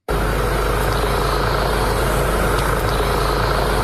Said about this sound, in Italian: Berlino è in queste ore una città in stato d'assedio. Elicotteri sorvolano il centro della città e il grande parco del Tiergarten.